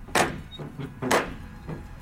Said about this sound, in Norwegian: Oh, sånn gammel dørklinke. Sånn skikkelig sånn ring, sånn i metall som ja. Du kan slå med. Helt riktig, stor brun ring. Hva høres ut som jeg slår på en måte? Det er jo en tung tredør, kanskje, eller er det metall til og med? Tung tredør,